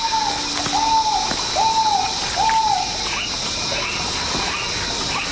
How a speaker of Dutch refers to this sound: dit is waarschijnlijk een ralachtige die we nu horen